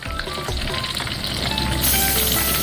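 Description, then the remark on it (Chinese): Steady, loud sizzling and crackling of chicken frying in hot lard, in roughly equal amounts of lard and chicken, for the dish xiao jian ji, until the surface turns lightly golden. A dense hiss with scattered pops grows a little louder toward the end, with no voices. “当鸡肉被热油煎炸到外表微黄、水分微干时，就要进入调味阶段。”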